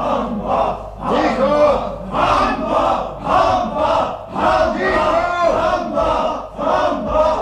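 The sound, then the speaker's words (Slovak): A group of people shouts loudly and continuously, many voices overlapping in a dense, rising and falling clamor with no pauses. “nevychádzajú a kričia, že sa už nedá s nimi vydržať.”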